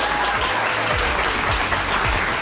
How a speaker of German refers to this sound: Die Leute finden das auch, deswegen klatschen die gerade alle.